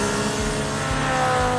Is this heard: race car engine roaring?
yes